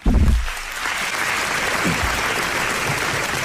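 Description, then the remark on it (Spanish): An audience applauds steadily, a dense wash of many hands clapping that holds at a fairly even level throughout, with a brief low voice-like sound at the very start. “Con aplausos y todo.”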